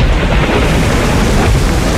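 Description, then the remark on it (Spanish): A loud, steady downpour of rain hisses without a break, layered over a deep, continuous low rumble like thunder, with no voices present. “Cuando llueve, abrígate con el sonido animal de Super 9.”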